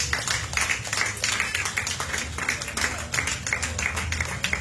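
A church audience applauds steadily for several seconds as an offering of applause to the Lord, many hands clapping at once in a dense, sustained wash of sound with a slight rhythmic pulse.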